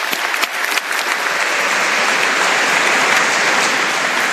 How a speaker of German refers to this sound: Ein Applaus